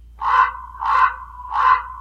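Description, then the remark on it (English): A raven calls three times in steady succession, each harsh, throaty croak rising and fading evenly, loud with no other sounds around it. “Commonly heard are the crow and the raven.”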